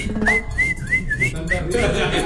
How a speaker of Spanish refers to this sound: ¿Cuál es su silbito?